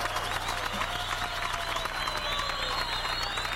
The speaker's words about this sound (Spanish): Por favor, un aplauso.